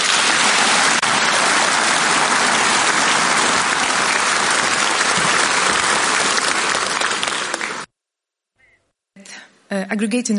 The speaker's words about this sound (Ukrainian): Окремо Свириденко подякувала Польщі та прем'єр-міністру Дональду Туску за всебічне сприяння. Зала двічі оплесками підтримала ці слова.